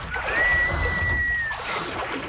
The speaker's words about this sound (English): Is that the sound of oars?